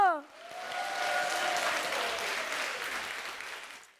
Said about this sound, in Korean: 오늘 무대 함께 즐겨주신 여러분께 감사드리며 큰 박수로 예음 전통연희단 친구들을 격려해주세요.